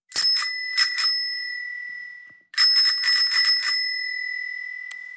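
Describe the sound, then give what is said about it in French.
A bicycle bell rings in two bursts of quick metallic dings, bright, each burst followed by a lingering ring that fades out. No voices are heard. “Eh bien, je dirais une sonnette. Deux, faut préciser. Vélo.”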